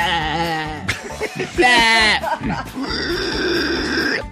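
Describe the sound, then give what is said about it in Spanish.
A cow moos loudly, two or three drawn-out, wavering calls in quick succession, followed by a brief stretch of steady noise. “Suena la vaca y llega el mexicano a la lucierna en exclusiva.”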